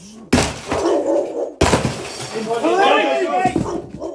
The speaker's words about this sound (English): Until an officer takes a ripsaw and buries it into the plastic front door, cutting it directly down the middle. Another starts pounding it with a battering ram.